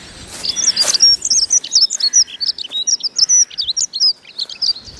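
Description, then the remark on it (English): Busy morning woodland birdsong rising from the treetops, hedges, leaf litter and fence posts, with rapid high-pitched peeps, chirrups and warbled trills tumbling over one another in quick bursts, several birds singing at once with no voices present. “It fills the woods with peeping and chirruping, warbling and jittering.”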